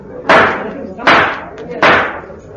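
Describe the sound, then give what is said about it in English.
A gavel bangs three times at a conference in a steady rhythm, each blow a loud, sharp wooden crack with a brief ringing tail, over a low background hum. “They've even got a gavel.”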